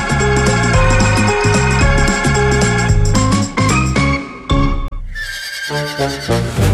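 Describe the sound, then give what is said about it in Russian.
A horse neighs loudly, a long shrill whinny that breaks off briefly near the end before a second shorter neigh rises again. “Ага, этот римский император умудрился даже своего коня консулом назначить.”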